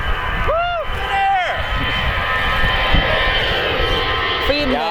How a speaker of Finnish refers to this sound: Ihan Finnair. Matkustajakone. Kyllä siinä vähän yli 90 meni Finnairin matkustajakonekin.